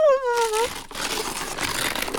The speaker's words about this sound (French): Toudou déchire le beau papier bleu étoilé.